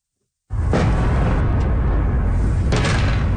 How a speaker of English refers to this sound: Explosions in the night sky over the capital of Ukraine. It says the sixth consecutive day of attacks from Russia.